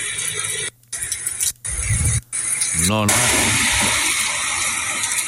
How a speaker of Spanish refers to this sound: Lluvia, truenos y relámpago a eso de las 2 de la madrugada en Diego de Almagro.